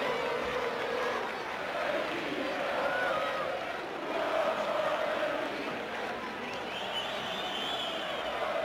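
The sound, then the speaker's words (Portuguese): A football stadium crowd cheers and chants in the stands at a Benfica match at the Jamor, a dense, steady roar of many voices that swells slightly midway and holds at a loud, even level throughout. “Belo ambiente nas bancadas.”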